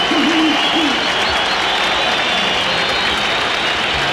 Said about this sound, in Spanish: Aplausos para Rojas, cambio, ovación para Marcelo Díaz, Roberto Enrique Vallejos.